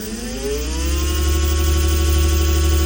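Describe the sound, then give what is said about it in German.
An electric scooter on a footpath in Saxony-Anhalt whirs with a high motor whine that climbs in pitch as it speeds up, then holds steady over a low rumble, growing slightly louder, with no talking. “Es gibt eine neue Gefahr auf Sachsen-Anhalts Fußwegen und die kommt surrend daher.”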